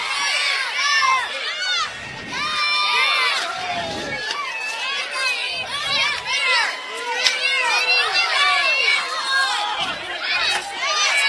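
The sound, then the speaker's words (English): A lively crowd of excited children at a Fargo-Moorhead RedHawks baseball game shrieks and cheers continuously during a seventh-inning candy toss, high overlapping voices rising and falling in a noisy, energetic din with scattered yells throughout. “I've got to get used to these seventh inning games with our seventh inning candy toss.”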